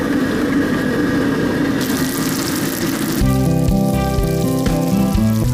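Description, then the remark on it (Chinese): A tofu-skin filling coated in beaten egg white with starch and sugar deep-fries in oil at medium temperature, giving a steady, dense sizzle and crackle. A few seconds in, tonal background music joins the frying; nobody speaks. “将制作好的馅儿用蛋清充分包裹住，就可以开始炸制了。”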